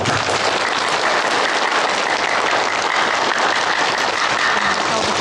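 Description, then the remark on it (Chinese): A crowd of wedding guests applauds loudly and steadily for the whole stretch to celebrate the newlyweds' union, a dense, unbroken wash of many hands clapping with no speech. “接下来，让我们以最热烈的掌声庆祝这对新人的结合。”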